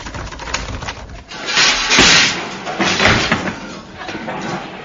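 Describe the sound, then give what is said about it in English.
A stuck door that won't budge is shoved and rattled hard several times in noisy bursts, with clattering wood and banging, the loudest jolts near the middle, against a low background rumble. “Hey, what's the matter with the door? Won't budge.”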